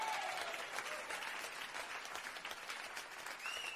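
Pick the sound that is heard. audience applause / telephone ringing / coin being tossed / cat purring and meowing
audience applause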